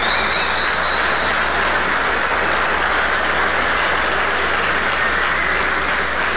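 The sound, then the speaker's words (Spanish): Steady, dense applause from a crowd giving a round of applause to the Lord Jesus Christ, a loud, continuous wash of many hands clapping that holds evenly for several seconds without a break and with no voices over it. “A ver, demos un aplauso al Señor Jesucristo.”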